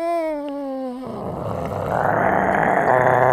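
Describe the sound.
A voice imitates a dog that grows ever bigger: a steady, whining howl for about a second, then a rough, growling roar that swells louder and holds to the end.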